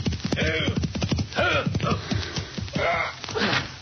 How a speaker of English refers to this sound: As our story opens, a rider reins his horse in before the Convict Valley Cafe.